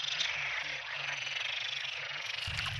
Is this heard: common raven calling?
no